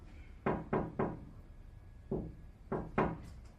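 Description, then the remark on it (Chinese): Someone knocks on a wooden front door: a quick set of three raps, a lone knock after a pause, then two more. The knocks are solid, with no voices. It is the father coming home without his keys. “哎，你爸回来了，又不带钥匙。”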